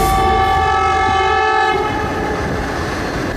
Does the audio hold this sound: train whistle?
yes